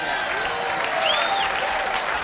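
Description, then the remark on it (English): An audience claps steadily for Benny Green at a live band performance, a dense, even wash of many hands applauding at a fairly loud level, with a few faint whistles rising above the clapping. “How about a nice round of applause for Benny Green?”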